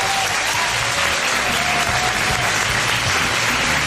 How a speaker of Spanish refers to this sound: Un aplauso, por favor.